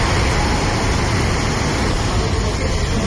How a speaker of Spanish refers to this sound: Es el agua discurriendo por las calles del municipio totalmente anegada, se ven coches arrastrados, todo el pueblo ha quedado inundado